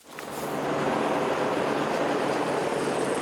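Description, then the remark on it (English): A helicopter's dense, steady roar swells up within the first half second and then holds loud, a continuous engine and rotor rumble with no voices. The helicopter drops reinforced pipe to the access tunnel of the Chilime hydro plant in Nepal, its pilot struggling against the wind. “A helicopter drops reinforced pipe to the access tunnel for the Chilime hydro plant.”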